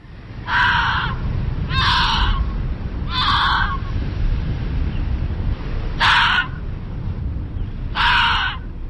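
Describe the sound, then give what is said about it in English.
An Arctic fox gives five harsh, raspy, cawing calls, each about half a second long, spaced irregularly over a steady low rumble of background noise. “This is the sound of an Arctic fox.”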